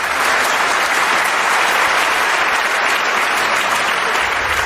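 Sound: audience applauding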